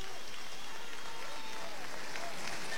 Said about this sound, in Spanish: y se queda firme en los tercios con la trincherilla y el olé vaciado con el desplante a cuerpo limpio y la ovación de la Plaza de Toros San Marcos.